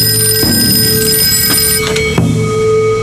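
An old-style telephone bell rings loudly and continuously, a bright metallic trill with a few sharp knocks partway through and no one speaking.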